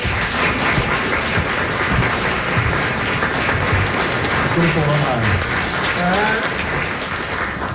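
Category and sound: crowd, audience applause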